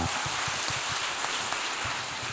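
An audience applauds an audience member for a great question, in a steady, dense wash of clapping that holds at an even loudness for a couple of seconds, with no voices over it.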